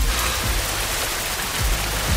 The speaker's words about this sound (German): Zu Hause in Hessen heute endlich mal wieder dieses Geräusch hier auf den Dächern und auf den Straßen und auf den trockenen Wiesen und in den Wäldern. Regen. Richtig echter Regen.